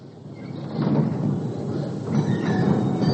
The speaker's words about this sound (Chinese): 新京街道的有轨电车上，车上的人不多